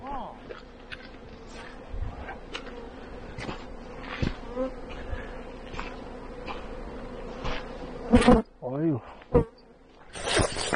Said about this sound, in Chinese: 这个就是蜜蜂了，是吧？